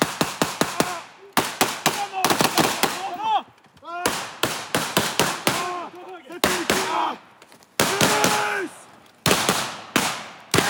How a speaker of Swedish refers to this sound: Eftersom det bara är en övning så skjuter de med lös ammunition så att det bara kommer en rökpuff och inga riktiga dödliga skott.